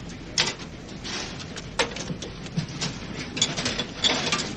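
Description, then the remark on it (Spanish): A jammed door is being forced, giving off irregular bursts of metallic rattling, scraping and sharp clunks as the mechanism resists, with no voices present. “Sí, pero está atascada, no se abre.”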